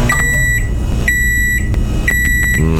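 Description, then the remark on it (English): A microwave oven's finishing beeps signalling that lunch is heated up and ready: three sharp, high-pitched electronic tones in a steady rhythm, heard over a continuous low hum, with a few brief clicks in between. “I see a lot of people saying it sounds like lunch is heated up and ready to go. You are right.”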